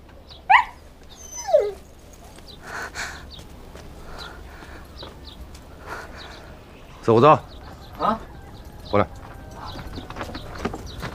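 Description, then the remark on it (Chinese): A dog whimpers in short, high whines: two early, then a few more later, separated by pauses, over a low background hum with faint voices. “把狗带走”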